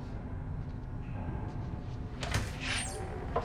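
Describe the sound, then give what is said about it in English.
A hospital room door is opened: a sharp latch click, then a short squeaky sliding sweep, set against a steady low hum with no one speaking. “Seen through a narrow window, she heads to the door beside it.”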